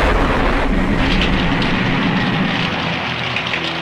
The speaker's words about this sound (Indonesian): petir dan guruh menyambar bersahutan.